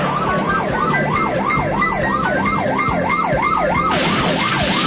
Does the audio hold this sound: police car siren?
yes